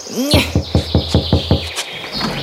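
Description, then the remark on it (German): Someone knocks on a gate: about seven evenly spaced, solid thuds in a quick steady rhythm, preceded by a short rising chirp, with a thin high tone ringing underneath throughout. “Wir klopfen jetzt gleich mal.”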